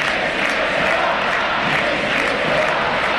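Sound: stadium crowd chanting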